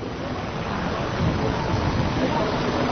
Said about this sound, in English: It's raining now at the Hack Meeting 1988.